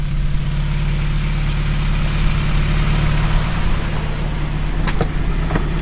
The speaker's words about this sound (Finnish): Mikä siellä hurisee? Minkälainen kone? 8,5. Se on niin kuin vähän tipparelun sukunen moottori, mutta tämä on Cordini. Niin tämä on yksi viritetty vehe.